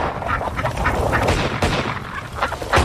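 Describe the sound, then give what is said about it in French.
Ducks quack continuously and fairly loudly while a few sharp gunshot cracks break through, one near the middle and another close to the end, as someone shoots at the ducks trying to hit as many as possible in 30 seconds. “On peut m'encourager quand même pour dégommer des canards, merde.”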